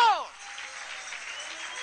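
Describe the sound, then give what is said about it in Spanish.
A voice trails off and a crowd in Dallas, Texas breaks into steady, sustained applause, a dense wash of clapping from many hands that holds at an even level until the end. “¡Dale un fuerte aplauso!”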